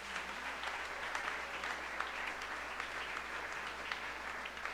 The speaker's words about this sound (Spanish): Damos las gracias a toda la comunidad de lo que forman la parroquia San Pedro Apóstol. Creo que aquí somos todos una familia, así que también un fuerte aplauso.